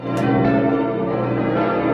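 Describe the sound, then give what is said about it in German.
A large bell of Mainz Cathedral (St. Martin) in Mainz, Germany, rings loudly and steadily, its deep resonant tone and rich overtones sustaining throughout with no pause, sounding full. “Wissen Sie, wo im Südwesten diese Glocke läutet?”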